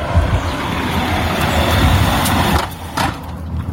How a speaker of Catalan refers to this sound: Ajunte un àudio per a que es veja lo molest que és cada vegada que passa un cotxe.